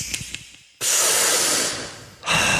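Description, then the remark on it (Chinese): A few soft clicks and puffs, then a long, steady breathy inhale that fades slightly before a second strong draw of air, as someone drags deeply on a cigarette. “喂，兄弟，索得爽唔爽啊？”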